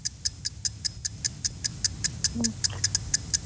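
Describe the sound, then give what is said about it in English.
A countdown timer ticks during a quiz in which a caller names animals starting with the letter A, in a fast, steady rhythm, roughly five or six sharp clicks per second, clear above a low background hum, with a faint brief tone in the middle. “I've extended the clock like twice now.”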